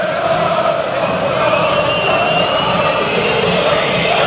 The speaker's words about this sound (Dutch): Legio laat zich horen. Dan klinkt het fluitconcert vanaf de thuistribunes. Maar het gezang gaat gewoon door.